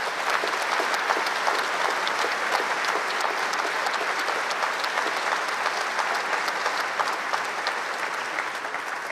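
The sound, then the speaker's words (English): A crowd applauds steadily for about nine seconds to thank NHS and care workers, a dense, even wash of many hands clapping at a constant loud level, with no voices standing out. “We must not forget that now as we applaud and thank them again.”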